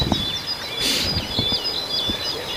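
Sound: tit calling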